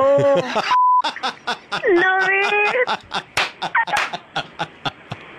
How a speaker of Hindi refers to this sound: ये जो beep beep हो रहा था, ये बीप हटा दूं मैं एक बार? दिल्ली को सुना दूं?